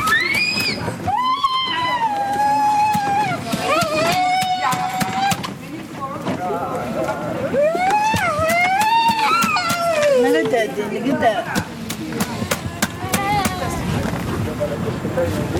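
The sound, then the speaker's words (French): An ambulance arrives, its siren wailing loudly, pitch sweeping up and down in long waves over busy crowd chatter and street noise, with people talking throughout. “Une ambulance vient d'arriver.”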